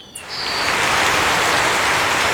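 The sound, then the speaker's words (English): Steady, dense rain hisses through the rainforest canopy of Tatama National Park in the Andes Mountains, with a brief high bird call near the start and a constant wash of wildlife ambience underneath. No voices. “Delicate flowers blossom in the rain-soaked forest, and the sound of birds fills the humid air.”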